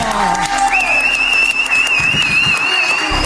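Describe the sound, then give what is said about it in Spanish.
Loud, dense audience applause fills the whole clip, steady throughout, with a sustained high whistle-like tone joining in and some crowd voices mixed underneath. “¡Fuerte el aplauso!”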